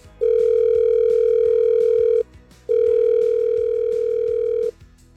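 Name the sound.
telephone dial tone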